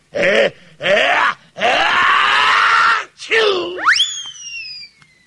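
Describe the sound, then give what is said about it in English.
A voice imitates an elephant sneezing: three loud, strained vocal bursts building up, then a long rasping blast that breaks into a high, rising squeal and trails off. “I climbed up the elephant's trunk, like this, and the elephant sneezed.”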